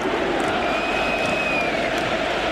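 A huge stadium crowd at Camp Nou chants "independència" during a football match, thousands of voices blending into a dense, steady roar that holds at the same loudness throughout, with a faint sustained vocal tone riding on top.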